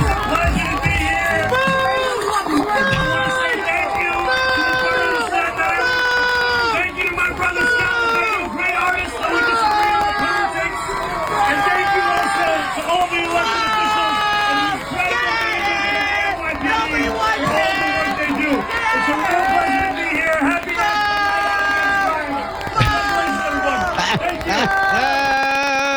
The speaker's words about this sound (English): Here's Mamdani getting booed out of a Staten Island rally, clip 12.